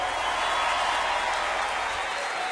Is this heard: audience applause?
yes